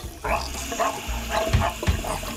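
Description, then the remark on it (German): Tap water runs steadily into a kitchen sink, a continuous splashing hiss, with a few rhythmic soft knocks and clatters as a dog wearing rubber gloves on its paws washes the dishes. “Der will nur spülen. Ach so. Der Hund will nur spülen.”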